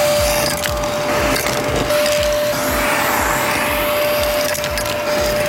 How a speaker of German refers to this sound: ja, warte mal kurz, ist schon ordentlich dreckig hier drin, müssen wir mal eben durchsaugen.